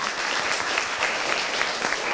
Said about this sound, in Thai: ขอบคุณกลุ่มที่2มากค่ะปรบมือให้กลุ่ม2ด้วยค่ะ